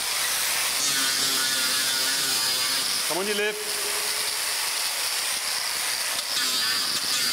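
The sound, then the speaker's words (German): An angle grinder buzzes steadily against an elephant's foot sole during elephant foot care, grinding down the sole layer and nails, a harsh, high, hissing drone that never lets up, with a brief spoken voice breaking in midway. “Unangenehm, der Lärm, der Flex, der beißende Geruch, der Sohlenschicht und der Nägel.”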